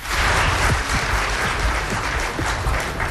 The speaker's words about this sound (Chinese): 感谢各位的掌声， 谢谢大伙儿